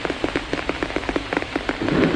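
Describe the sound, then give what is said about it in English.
Rain pours down on a wide, flat plant leaf, many small drops tapping in a quick, irregular rhythm that thickens into a louder rush near the end. No voices. “He can hear it pattering on the leaf above his head.”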